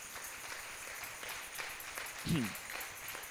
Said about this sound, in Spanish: ¿Cuánto le da un aplauso al Rey de Reyes?